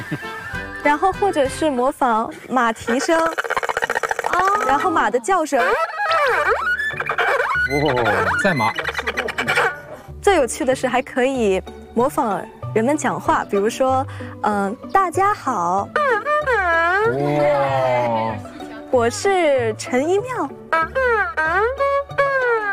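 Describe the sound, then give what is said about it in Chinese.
A solo erhu imitates bird calls with quick upward and downward slides, warbling trills and short chirping phrases, played loudly and almost without pause over a steady low accompaniment. “就比如说，可以用二胡模仿鸟叫。”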